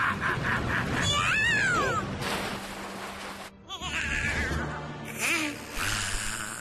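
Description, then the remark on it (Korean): A cat meows twice, a drawn-out, wavering cry and then a shorter one a few seconds later, both loud and close over steady background music. “고양이다.”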